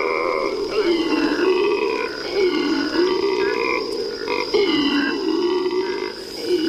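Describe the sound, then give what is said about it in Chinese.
Howler monkeys in the Iberá wetlands roar in the early morning in a deep, rolling chorus that swells and falls in long waves without pause, over a steady high-pitched insect drone. “每天清晨，吼猴都会用叫声向其他猴群告知自己的位置。”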